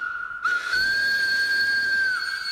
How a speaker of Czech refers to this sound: Tohle! Odpovědělo Telátko a zatáhlo za záchranou brzdu. A vlak se zastavil.